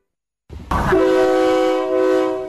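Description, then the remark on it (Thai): An air-conditioned KiHa 40/48 diesel railcar of the State Railway of Thailand, on the Don Mueang–Ayutthaya route, rumbles briefly, then its horn blasts loud, a steady multi-tone honk sustained for nearly two seconds without a break. “มาแล้วมาแล้วจ้าการรถไฟแห่งประเทศไทยเปิดให้บริการขบวนรถดีเซลรางปรับอากาศคิฮะ4048เส้นทางดอนเมืองอยุธยาทุกวันจันทร์ถึงวันศุกร์แบบไปกลับรวม6ขบวนต่อวัน”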